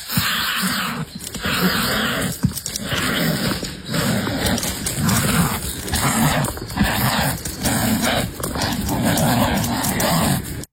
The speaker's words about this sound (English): Crikey, they're certainly vicious. So what do you think they are? Wild dogs? Hyenas? Maybe bears? Actually, they're two kiwi. Two female kiwi kicking and battering each other in a rare wildlife encounter that experts say is a sign of conservation